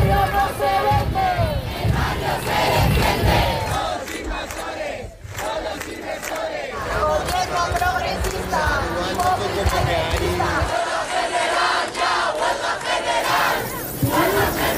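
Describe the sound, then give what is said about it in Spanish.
A huge housing protest crowd in central Madrid, marching in four columns toward the Fuente de Cibeles, rattles keys, producing a loud, continuous metallic jingling mixed with shouting and cheering voices, sustained steadily for the whole stretch. Organizers put the crowd at 500,000; the government delegation at 70,000. “Así sonaban las llaves de los 500.000 manifestantes de Madrid”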